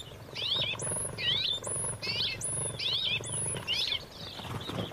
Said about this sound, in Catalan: Pardal roquer, Petronia petronia. Ocell resident als camps oberts i zones de conreu.